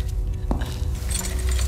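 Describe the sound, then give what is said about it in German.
Metallic clinks and a brief scrape as a key slides into a door lock, followed by a few lighter rattles, over a steady low background hum. “bitte seien Sie so gut, stecken Sie den Schlüssel auf diese Seite der Tür, ja?”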